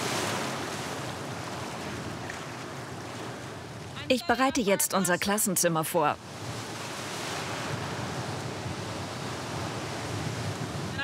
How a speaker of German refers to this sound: Ich sehe keine gefährlichen Unterströmungen. Es gibt nur viele Wellen. Aber ist schon okay.